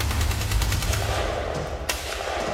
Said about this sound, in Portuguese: nem imagina que aqueles barulhos possam ser tiros. Talvez sejam os filhos do carcereiro que vivem no primeiro andar da casa-prisão. Mas quando os sons se aproximam e começam a tornar-se mais fortes